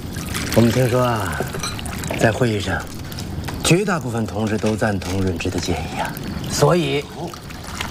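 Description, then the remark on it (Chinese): Water pours steadily in a continuous splashing trickle to brew tea, while several voices talk loudly over it. “快快快快赶紧亲上，赶紧亲上。”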